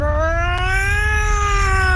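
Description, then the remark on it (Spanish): A child's voice makes a loud, sustained racing-motorcycle engine imitation, a steady high-pitched whine that climbs slowly in pitch and holds for about two seconds without a break. “Y así suena una moto de carrera.”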